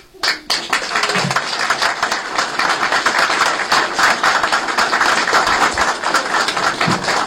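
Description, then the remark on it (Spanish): A crowd breaks into sustained applause, a dense, steady wash of many hands clapping that starts abruptly and holds at an even, fairly loud level for several seconds with no voices. “Pero son ellos los que merecen el aplauso verdadero.”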